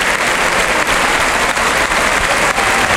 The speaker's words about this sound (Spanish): Qué gran ovación se está llevando Curro Vivas de la Malagueta.